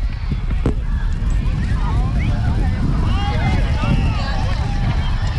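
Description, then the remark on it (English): A steady, heavy rumble of wind buffets the microphones for several seconds as a big gust sweeps through a stadium during a football game, with a faint murmur of crowd voices underneath. “A big gust of wind comes sweeping through the stadium. Yeah, you can hear it over our microphones.”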